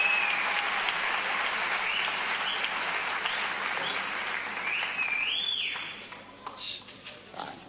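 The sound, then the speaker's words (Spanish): A crowd at a concert applauds steadily for several seconds, with a few sharp rising and falling whistles cutting through near the end as the clapping thins out and fades. “te están chiflando ahí, ¿no?”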